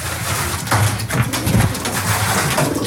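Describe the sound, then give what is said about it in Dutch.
Pigeons returning to their loft overhead, cooing softly, low throaty burbles overlapping in an uneven rhythm, with a steady hiss of rustling and shuffling behind them and no talking. “Boven ons horen we de duiven meteen weer terugkeren in de til.”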